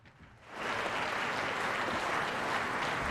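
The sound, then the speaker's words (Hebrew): Applause from a concert hall audience swells in over the first half second, then holds as a dense, steady wash of many hands clapping at an even loudness, after a performance of Mozart's Piano Concerto No. 24 in C minor. “קצת נחיות כפיים מהאולם.”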